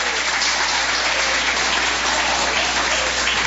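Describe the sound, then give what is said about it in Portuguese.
An audience applauding steadily to glorify Jesus, a dense, even wash of many hands clapping at a constant loud level for the whole stretch, with no voices standing out. “Tem palmas, pode glorificar Jesus.”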